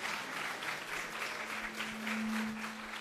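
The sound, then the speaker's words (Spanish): A crowd applauds steadily after a teacher sang a song at a talent event. It is a dense, sustained wash of many hands clapping at an even loudness for the full few seconds, with a faint low hum running underneath. “Aplauso, por favor, nuevamente.”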